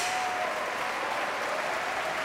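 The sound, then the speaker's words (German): A sold-out concert hall audience applauds at a season-opening concert conducted by Jonathan Nott, a dense, even wash of clapping that holds at a constant loud level throughout with no voices over it. “Sie hören, das Publikum ist sehr, sehr angetan.”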